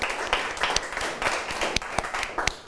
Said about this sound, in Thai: ความสูงปรบมือให้กับเพื่อนด้วยนะครับนักเรียน